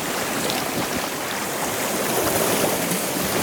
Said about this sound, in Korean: 그러자 나는 바다 위였다. 파도는 잔잔했다. 고요한 몸짓으로 파도가 나를 어딘가로 데려갔다.